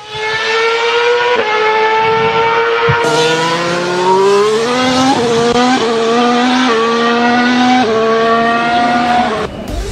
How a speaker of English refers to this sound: Those are the sounds of various Formula One vehicles